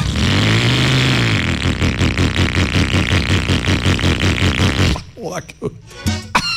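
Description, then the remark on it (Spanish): An old, junky motorcycle engine revs loudly with a rough, rapid sputtering rhythm for about five seconds, then cuts off as a voice begins talking. “Si usted tiene una moto así, llegó la hora de que se gane con Suzuki Olímpica Estéreo una moto de verdad”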